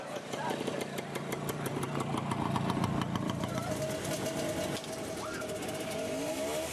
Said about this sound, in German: RT 125, das erfolgreichste Motorrad der Welt. Das war am letzten Augustwochenende in Dorf Chemnitz in der Turnhalle zu lesen. Draußen knatterten derweil Motoren.